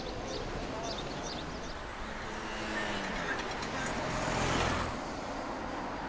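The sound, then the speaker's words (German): A vintage taxi car with its original V8 engine, nicknamed El Ronco ('the Snorer'), runs with a steady low rumble that swells briefly to a louder roar midway before settling back, set against constant street noise. “Ich wollte eins mit originalem V8-Motor. Wie der klingt.”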